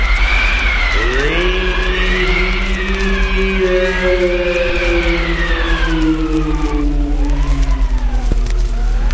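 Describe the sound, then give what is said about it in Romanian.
Wind whistles and howls wildly outside in snowy weather, its wavering tones rising and falling in long eerie glides over a steady low rumble, loud and continuous throughout. “Ți s-a părut vântul șuieră besmetic pe afară.”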